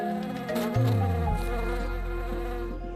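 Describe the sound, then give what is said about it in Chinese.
Steady buzzing of honeybees hovering around loquat flowers blooming in winter on the hillsides of a lake island in China, with wingbeat tones shifting in pitch as individual bees move about, continuous for the whole stretch with no voices. “漫山的枇杷花在冬季盛开，是蜜蜂们的天堂。”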